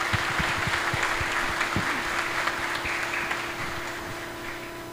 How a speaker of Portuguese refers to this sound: E nos confirma na fé nesta noite aos crismandos, o nosso bispo diocesano, Dom João Batista, a quem nós saudamos e acolhemos com a salva de palmas em nossa paróquia.